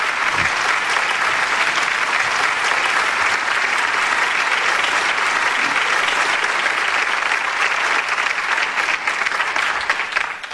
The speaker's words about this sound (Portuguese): um momento em que se anuncia uma descoberta que o Maluf e o Buzaide vão explicar nessa questão do câncer de pâncreas, e os médicos levantam, aplaudem, alguns se emocionam, lágrimas.